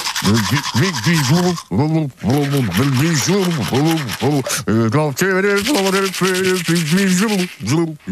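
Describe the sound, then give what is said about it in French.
Steady scrubbing of a manual toothbrush in a bathroom in the morning runs throughout while a man hums a wavering, muffled tune along with it, pausing briefly between phrases. “Il le fait, il prend sa brosse à dents manuelle.”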